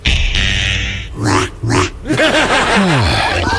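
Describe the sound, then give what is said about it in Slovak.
Piglets oink and squeal in a busy cluster, overlapping high-pitched grunts and squeaks with a noisy background hum. “koľko prasiatok vidíš? 5?”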